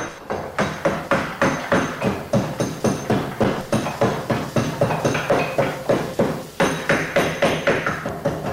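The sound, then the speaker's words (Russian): Steady rhythmic knocking of a mallet on a chisel carving a beech wood sculpture, about three sharp woody strikes per second, each with a bright attack and quick decay, with no talking. “А как звучит бук? А вот послушайте.”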